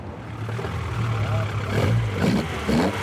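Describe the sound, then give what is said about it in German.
A 1973 Opel Ascona A, a replica of the car Walter Röhrl and Jochen Berger drove in the European and World Rally Championships, runs at the old-timer petrol station in Rothenburgsort with a steady, deep engine rumble, rising slightly in a few brief revs over about three seconds at moderate loudness. “Das ist ein Opel Ascona A aus dem Baujahr 73, so wie ihn damals Walter Röhrl und Jochen Berger in der Rallye-Europameisterschaft und auch Weltmeisterschaft gefahren haben.”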